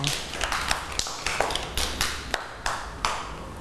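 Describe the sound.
A group of children claps for a classmate in a steady, fairly quick rhythm, each sharp clap bright and crisp, with faint voices murmuring underneath.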